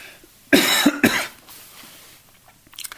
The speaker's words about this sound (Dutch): Ik moest eventjes hoesten, zusters en broeders. Dat hoort er ook soms bij.